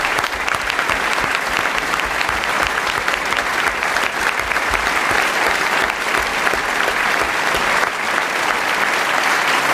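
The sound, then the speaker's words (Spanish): Sustained audience applause fills the whole stretch, a dense, steady roar of many hands clapping with no pauses and no voices standing out. “Gracias, gracias, gracias, gracias por sus aplausos que no terminan nunca.”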